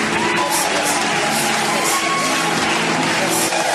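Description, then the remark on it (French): Steady, dense audience applause fills the whole stretch, a loud wash of clapping hands with a hint of crowd cheering mixed in, no pauses. “Vos applaudissements me disent beaucoup.”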